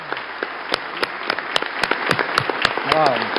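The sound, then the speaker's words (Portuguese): A standing crowd applauds warmly at a solemn session honoring a public security secretary, a dense, steady wash of many hands clapping with sharper individual claps standing out, while a voice speaks briefly over it near the end. “Então, só finalizando, eu gostaria de uma salva de palmas calorosa para o doutor Nico, que representa essa nossa gratidão.”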